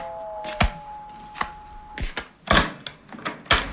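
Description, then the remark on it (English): A door is handled and opened to greet a visitor: a string of sharp clicks and wooden knocks, with a faint steady hum in the first half, and no one speaking. “Let's see who this is at the door.”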